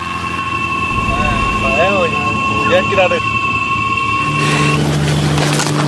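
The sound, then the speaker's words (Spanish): A light aircraft engine drones loudly and steadily throughout, with a sustained whine overhead, a few brief chirping tones early on, and the noise swelling rougher toward the end, as the small plane has just dropped off its passengers. “Esa avioneta acaba de dejarnos aquí en este planeta que no es el nuestro, somos como astronautas.”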